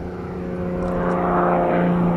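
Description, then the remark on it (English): An aerobatic propeller airplane with symmetrical wings drones steadily and loudly in flight, with a strong low hum and slight swelling, no voices present. “But aerobatic planes are designed to fly upside down.”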